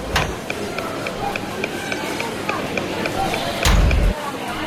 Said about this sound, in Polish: Słychać też nawet kroki. Tak, słychać kroki, które są dosyć ciche w porównaniu z dźwiękami stacji